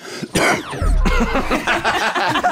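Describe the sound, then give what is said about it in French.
A loud cough bursts out, followed by a rough, gravelly throat-clearing rasp and some further muffled, noisy sounds afterward, with no clear speech. “J'adore cette toux qui arrive juste après.”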